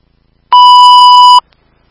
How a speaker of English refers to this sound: Engine 5 Alpha, test for fire alarm. Engine 5 Alpha, you're loud and clear. Engine 5 Bravo, testing with fire alarm.